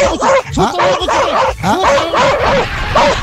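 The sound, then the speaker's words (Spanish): A dog barks loudly and rapidly at a police checkpoint, in a steady string of sharp, yelping barks with a few higher whining yips mixed in, over a busy background with some voices. “Con perrito y todo, están controlando ahí, Miguel Marlone, están controlando.”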